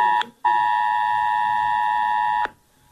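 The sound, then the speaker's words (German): A loud, piercing smartphone emergency alert tone sounds alone: a short blast, a brief gap, then a long steady harsh tone lasting about two seconds before cutting off and starting again. “Ja, so klingt im Ernstfall Ihr Smartphone und das der Menschen um Sie herum.”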